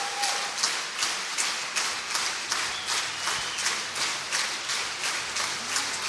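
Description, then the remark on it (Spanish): A large concert audience applauds an orchestra loudly and steadily as the orchestra stands and an encore is called for, a dense wash of clapping with a regular rhythmic pulse running through it, as if the crowd is clapping in unison. No one speaks. “y no quieren, no se quieren parar, levantar, no se quieren, quieren parar, que el aplauso sea para, sí, él, exacto, solamente, no, pues lo has levantado.”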